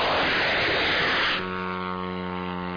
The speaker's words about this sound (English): The soldiers rev up the engine. And then comes a flash of fire. The drone flies up into the night sky.